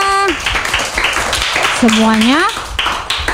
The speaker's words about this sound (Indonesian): Tepuk tangan semua.